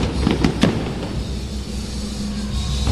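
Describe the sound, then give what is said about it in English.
Three quick, sharp bangs from sidewinder fireworks go off in rapid succession, followed by a steady low rumble and hiss of crowd and background noise, with no talking. “Now, these sidewinders look like snakes going through the sky.”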